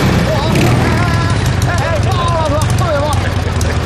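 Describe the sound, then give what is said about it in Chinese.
A ten-year-old, well-maintained car's engine runs at a steady idle, its low, continuous rumble holding evenly for a few seconds while faint voice-like tones drift over the top. “但是我保养的很勤啊，你听听发动机。”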